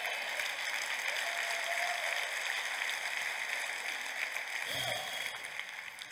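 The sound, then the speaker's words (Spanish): Steady, dense applause from a large crowd fills the space, a continuous wash of clapping that holds at an even level throughout before easing slightly near the end. “Que te dar un aplauso al Señor.”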